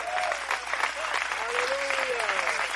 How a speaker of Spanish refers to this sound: Dele un fuerte aplauso de valiente.